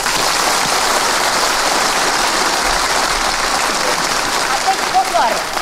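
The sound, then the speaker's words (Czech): An audience, asked for stormy applause, bursts into loud, stormy applause, a dense roar of clapping that holds steady for several seconds, with a few faint whoops rising near the end. “Jo, bouřlivý, a teď pozor, ale prosím vás, nechte si jako dobří hospodáři rezervu. Bouřlivý teď.”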